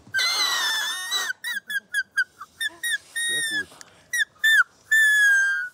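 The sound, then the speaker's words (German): A shrill, reedy squeal blown on a blade of grass held between thumb and index finger with the other thumb alongside, leaving a small gap to blow through: one long wavering note, then a run of short piercing toots and a few held ones, with a brief spoken remark among them. “Den Grashalm nimmt man zwischen Daumen und Zeigefinger, zieht den hier so rüber und hält den anderen Daumen hier so daneben.”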